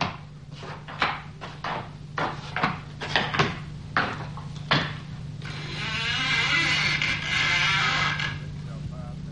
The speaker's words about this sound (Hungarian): Nyisd ki az ajtót, hogy bemehessünk.